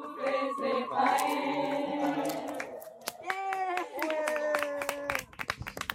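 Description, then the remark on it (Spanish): A group claps steadily, mixed with sustained cheering or whooping voices. The claps grow sparser and more scattered toward the end. “Acompañadme en este aplauso, por favor.”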